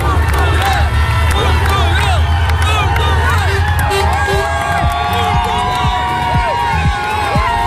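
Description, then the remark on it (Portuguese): A large crowd in Leiria cheers and shouts continuously to welcome the national team bus before the match with Nigeria, with whistles and high excited voices rising over a dense, steady roar of many people, staying loud throughout. “O autocarro da seleção foi recebido assim antes do jogo com a Nigéria, o último teste para o Mundial.”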